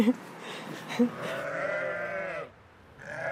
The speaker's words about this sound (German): Die Schafe stehen vor dem Stall in einem großen Gehege. Frisch geschoren mit prallen Eutern. Um sie herum Lämmer. Das sind 12 Muttertiere und viel mehr Nachwuchs. Ja, sind fast alle Zwillinge.